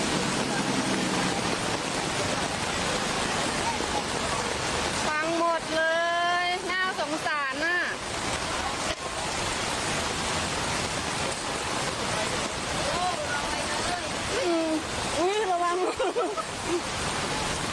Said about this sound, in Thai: แต่ทีนี้ฝนที่ตกหนักช่วงนี้อย่างเช่นที่สมุทรสาครมหาชัยเนี่ยปรากฏว่าน้ำท่วมถนนแล้วก็รถที่วิ่งผ่านเนี่ยทำให้เกิดคลื่นน้ำที่ไปกระแทกรถมอเตอร์ไซค์เนี่ยล้มระเนระนาดครับ